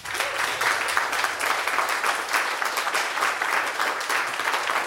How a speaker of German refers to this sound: Einmal Applaus bitte